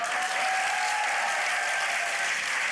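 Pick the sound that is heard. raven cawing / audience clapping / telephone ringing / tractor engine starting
audience clapping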